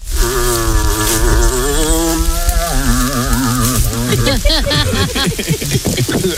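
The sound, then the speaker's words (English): A moose call: a long, loud, moaning tone rich in harmonics, holding a wavering pitch before breaking into rapid warbling rises and falls toward the end. “It's a moose.”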